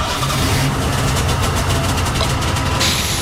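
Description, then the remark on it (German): A Volkswagen Golf's engine runs at a steady idle in a garage, a continuous low rumble with a faint hiss on top, unchanging in loudness throughout and with no voices. “Ach, Entschuldigung, wie dumm von mir, der Golf ist ja noch aus.”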